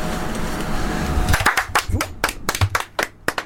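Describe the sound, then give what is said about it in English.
One person clapping hands, about ten sharp claps in a quick, slightly uneven rhythm that starts after a moment of faint background noise. “Sorry, I just carried on clapping there because I was trying to get Natalie to turn my headphones down a little bit.”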